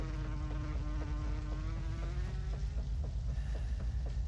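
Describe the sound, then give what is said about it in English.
A fly buzzes continuously during a heavy downpour, its droning pitch wavering and slowly rising, over a steady low rushing noise with faint regular ticks. “Even the fly was getting excited.”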